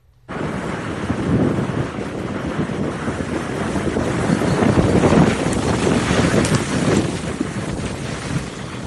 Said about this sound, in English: You can hear it and you can see it. High winds whipping up a colossal dirtnado yesterday in northern Montana. Yeah, luckily, it swept across an open farm field, but this was right near Big Sandy, apparently.